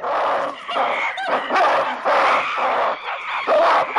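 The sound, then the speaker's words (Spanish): Two rival groups of monkeys grunt and screech in a noisy, overlapping chorus as they jump about and bare their teeth at each other across a pond. Harsh, loud bursts of calling rise and fall every second or so, with no pauses into silence. “Las dos familias siguen saltando y gruñendo al tiempo que se enseñan los dientes, aunque sin contacto físico.”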